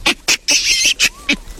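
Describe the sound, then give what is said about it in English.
A large monkey, one of the biggest monkey species, covered in hair with a bright red bottom, gives loud, shaky, screechy calls: a quick series of harsh bursts with one longer, wavering shriek in the middle, and no talking. “Who is making that shaky, screechy noise, do you think?”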